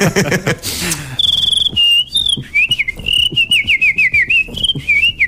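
A person whistles a high, wavering tune with wetted lips, sliding and trilling between notes, after a brief burst of breathy, airy blowing at the start.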